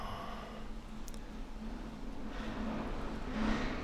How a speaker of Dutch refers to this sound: Ik hoor een vrachtwagen voorbij komen.